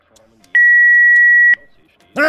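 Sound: telephone beeping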